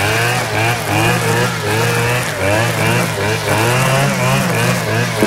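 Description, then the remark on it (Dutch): A chainsaw or a small grass-edge trimmer's engine buzzes loudly and steadily, its high whine rising and falling as the throttle revs up and down. “Ja, de boomzaag of zo'n trimmertje om grasranden mee te verwijderen.”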